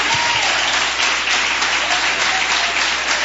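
An audience at a church service breaks into sustained applause of victory for Jesus to welcome a preacher, a dense, steady wash of many hands clapping at full volume with no pauses, a few faint voices buried in the noise.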